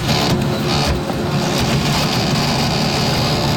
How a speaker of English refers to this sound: And you've got to hear this thing. This is not just a slow printer. This has to be a defective. I don't know if this thing is going to explode. I don't know if it's going to overheat. It sounds dangerous. I recorded it. I just want you to hear this.